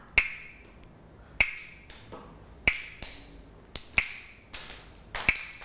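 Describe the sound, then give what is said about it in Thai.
A wooden hand clapper, used by a teacher as a slow-rhythm movement signal for children's morning exercise, snaps sharply about five times at a slow, steady pace, each crisp crack followed by a short ringing decay, with no talking. “ก็จะให้เสียงสัญญาณการเคลื่อนไหวนะคะด้วยอุปกรณ์ชิ้นนี้อะไรเอ่ยกลับมือนั่นเองเด็กๆต้องฟังเสียงสัญญาณนะคะไม่ว่าจะเป็นสัญญาณจังหวะช้า”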